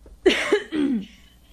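Two rough coughs in quick succession, fairly loud, with a raspy, voiced edge and a brief pause between them, then quiet.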